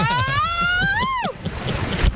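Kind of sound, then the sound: nature, rushing water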